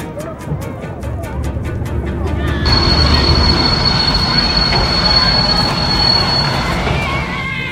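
A train headed for Rostock rumbles along with a rapid clicking beat of wheels over rail joints, then a loud, sustained metallic squeal of wheels on the rails rises and holds to the end.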